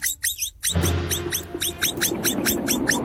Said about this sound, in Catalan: No són els falcons. Era una capibara.